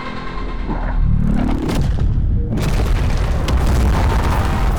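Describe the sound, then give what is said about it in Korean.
A massive nuclear bomb explosion booms out as an entire city is flattened and a mushroom-shaped fireball rises. A sustained roaring rumble and crackling blast noise follow and fill the whole clip, loud and overwhelming, with no voices. “핵폭발이 일어나 도시 전체가 초토화되며 버섯 모양 화염이 솟구친다.”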